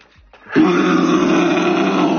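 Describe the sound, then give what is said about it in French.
A person imitates a red deer's rutting bellow: one loud, sustained, raspy roar starting abruptly after a brief quiet moment and holding steady at a deep, growling pitch. “il m'a appris à faire le Brame du Cerf”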